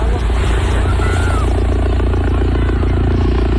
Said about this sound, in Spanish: con una 30 de migrantes magrebíes han llegado en las últimas horas a las playas de San Roque y la línea de la Concepción en Cádiz, bajo la mirada estupefacta de los bañistas, que han recogido así el movimiento de los helicópteros de la Guardia Civil.